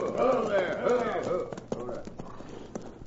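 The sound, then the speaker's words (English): Horses' hooves of two approaching riders on a road clip-clop in an uneven, rhythmic patter of sharp knocks, with voices talking over the first half before the clopping carries on more clearly. “Here come 2 riders.”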